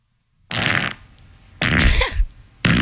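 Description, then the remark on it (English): A loud, wet fart comes in three distinct blasts separated by short pauses, each burst broad and raspy, with no talking. “I think I forgot that was my fart.”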